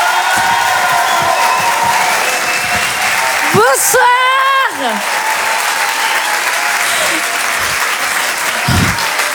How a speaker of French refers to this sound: Je vous demande de l'encourager et de l'applaudir très très fort.